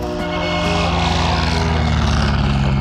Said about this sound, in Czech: Motor naskočil. Dřevěná vrtule letadla typu Blair Jo 11 se otáčí.